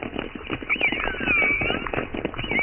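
A dense underwater chorus of minke whale calls, short twangy pulses like plucked strings repeating in an uneven clatter, with thin high orca whistles gliding over them throughout.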